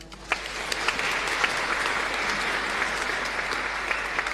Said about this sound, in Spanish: Queremos agradecer a los hermanos que nos ayudaron hoy en el rezo del Santo Rosario. Muchísimas gracias y le agradecemos con aplauso.